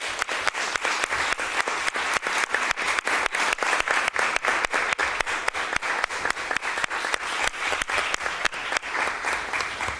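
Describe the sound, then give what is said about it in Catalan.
Sustained applause from an audience after a vote approving a local cultural heritage declaration fills the whole stretch, many hands clapping in a dense, steady patter with no voices heard. “Un aplaudiment per vosaltres també.”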